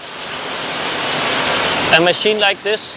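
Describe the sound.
A steady, loud rush of flowing water fills the space as a brewery machine runs with water pouring through it; a voice begins speaking over the noise near the end.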